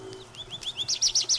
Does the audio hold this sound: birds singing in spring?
yes